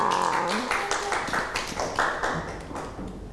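Children clap together in a quick, uneven burst of many overlapping claps, fairly loud and steady throughout, with a few voices mixed in underneath.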